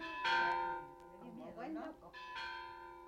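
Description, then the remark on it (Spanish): Church bells peal in two bright strikes with long, shimmering rings that hang in the air as the church bells of Juchipila ring joyfully, and an indistinct voice murmurs briefly between them. “Por fin, los hombres de Demetrio entraron a las calles de Juchipila, cuando las campanas de la iglesia repicaban alegres, con ese repicar que hacía palpitar de emoción a toda la gente de los cañones.”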